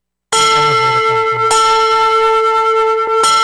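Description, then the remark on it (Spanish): Church bells ring out loudly, rung in celebration of reaching 93 percent, with bright sustained tones and fresh strikes roughly every one and a half seconds layering over the lingering hum. No one speaks. “¡Campanas bendito del 93! ¡Campanas del 93!”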